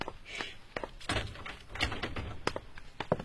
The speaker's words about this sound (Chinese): 房东来了，让他开门吧。